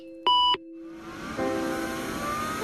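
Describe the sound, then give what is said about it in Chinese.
A single short, loud electronic beep from a computer that is never switched off, followed by a steady whirring hum like a fan running in the background. “从不关机的电脑”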